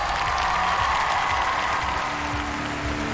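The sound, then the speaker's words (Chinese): Sustained applause from a large audience at a singing competition, welcoming 100 international public judges, fills the whole stretch, a dense, steady clatter of many hands clapping at an even loudness, with a faint tonal hum lying underneath. “接下来让我们欢迎来自全球各地热爱音乐的100位国际大众评审，掌声欢迎各位。”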